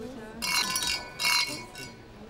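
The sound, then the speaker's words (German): Glasses clink together in a toast to 'our 68er', two or three bright ringing chimes in quick succession, with faint murmuring voices in the background. “Lass uns anstoßen. Trinken wir.”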